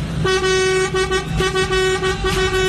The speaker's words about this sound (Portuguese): Toma aí, Léo, a buzinada de Quirinópolis, Goiás.